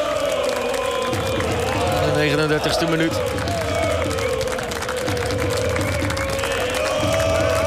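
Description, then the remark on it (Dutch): Sustained applause rises from the away supporters' section of a stadium crowd at a match, in tribute to a deceased steward, Jordi. It is a steady wash of clapping that lasts throughout while a commentator talks over it. “Nu een applaus van het uitvak.”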